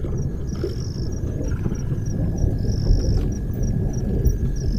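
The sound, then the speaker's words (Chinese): A low, continuous rumble of distant thunder from an approaching storm rolls through the whole stretch, steady and deep, with thin high-pitched insect-like tones humming faintly above it. “随着他的归来，天际已经酝酿着暴风雨的气息。”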